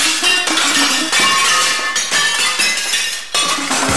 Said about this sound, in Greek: Φέτος το καλοκαίρι η διασκέδαση επιστρέφει στις ρίζες της. Σπάσε πιάτα όπως παλιά.